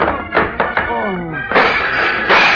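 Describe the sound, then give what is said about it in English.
Three quick, dull thwacks of punches landing on a man's face and stomach, then a strained grunt and two longer, louder crashing impacts as he goes down, taking a lamp, a card table and a glass of lemonade with him. “I threw my whole arm into his face.”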